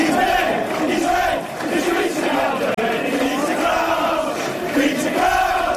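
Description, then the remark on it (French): A large crowd of English football supporters chants together in the stands, teasing former Reds striker Peter Crouch: a loud, sustained mass of voices rising and falling in a sing-song melodic rhythm. “Voilà, en substance, ce que lui chantaient ses supporters.”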